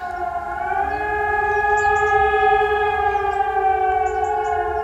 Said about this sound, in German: Ich hoffe, Sie sind auch heute nicht erschrocken. Am Vormittag haben wieder deutschlandweit die Sirenen geheult, so wie hier Punkt 11 auch vor meinem Studiofenster.